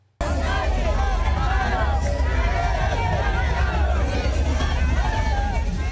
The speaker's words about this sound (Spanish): Mandani desfiló con una banda tricolor y ondeando la bandera mexicana, mientras entre el público se escuchaban gritos de Mandani, hermano, ya eres mexicano.